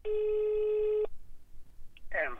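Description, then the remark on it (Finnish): A single steady telephone ringback tone of an outgoing phone call sounds for about a second, then stops; after a short pause a voice begins speaking. “Mä ajattelin soittaa ja kysyä, että mitä sinne kuuluu nyt?”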